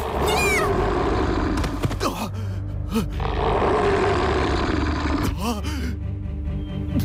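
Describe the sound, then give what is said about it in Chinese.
A loud, rumbling tiger roar fills the scene, deep growling sustained over several seconds as the tiger pounces on a man and knocks him to the ground, with sharp shouting cries breaking through near the start and again toward the end. “一只老虎扑将过来，将坦儿爹扑倒在地。”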